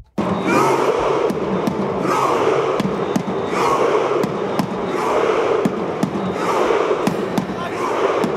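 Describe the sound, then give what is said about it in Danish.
A stadium crowd of Norwegian fans celebrating a Norway win chants together over steady, sharp drum hits that set a regular beat, the loud mass of voices rising and falling in rhythmic waves throughout. “De har med tromme, de spiller og slår an takten, og så sitter de andre der på banen og bare ror.”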